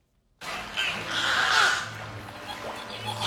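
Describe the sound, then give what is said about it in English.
Beluga whales in the beluga habitat at SeaWorld San Antonio chirp and whistle in a busy, overlapping chorus of squeaky, rising and falling calls, with bursts of clicking and a low steady hum beneath. “Chirps, whistles, and clicks fill the beluga habitat at SeaWorld San Antonio, where two rescued whales are settling into their new home.”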